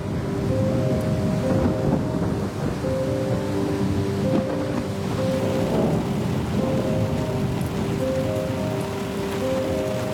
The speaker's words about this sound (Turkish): Şu anda onun altında gök gürültülü fırtınalar var. Aşağıda her şimşek çakmasında radyoda statiğe yol açıyor.